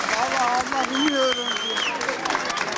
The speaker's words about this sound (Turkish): İki saat 45 dakika süren sınavın sonunda aileleri öğrencileri alkışlarla karşıladı. Ellerinde çiçeklerle bekleyenler de vardı.